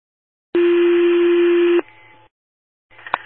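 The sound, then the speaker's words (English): A loud, steady electronic alert tone holds for over a second and cuts off sharply, followed by a short burst of static and then another brief tone blip, like a radio dispatch signal. “Radar tones, one more time.”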